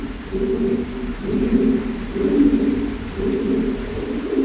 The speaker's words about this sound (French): Un peu les pigeons. Ils sont pas là où on est, ils sont vraiment dans l'autre partie de la grotte.